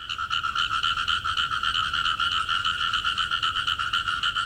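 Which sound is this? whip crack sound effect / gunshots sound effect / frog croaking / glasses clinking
frog croaking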